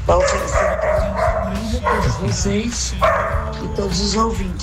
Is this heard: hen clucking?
no